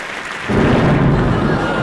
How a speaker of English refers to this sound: Well, guess the storm is here. Whoa! That's quite a storm.